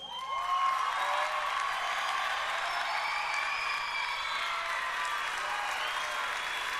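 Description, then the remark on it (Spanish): A crowd applauds a gentleman loudly and steadily for several seconds, the dense clapping mixed with scattered cheers and whistles, with no speech over it. “El caballero, aplausos.”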